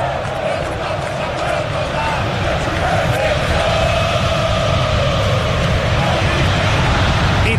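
A large crowd of Corinthians football fans in the stadium at Itaquera chants in unison in an act of solidarity after their team's Copa do Brasil elimination by Internacional, a dense, steady roar of many voices carrying a rhythmic, sustained song that fills the space without pause.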